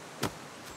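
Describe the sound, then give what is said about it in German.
A steady rush of strong outdoor wind at a boat lock, with a sharp gust buffeting through early on and a softer one near the end; no one speaks. “Viel Wind heute.”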